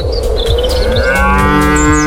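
Thirteen cows, all stuck in a water pit, moo loudly and continuously in the evening, their deep, drawn-out calls overlapping one another, with faint high chirps flickering in the background.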